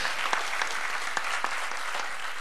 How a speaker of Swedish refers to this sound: vi ger henne en applåd.